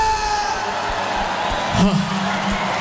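An audience in Oldenbroek applauds in a steady, dense wash of clapping, with cheers and one short rising whoop cutting through partway in.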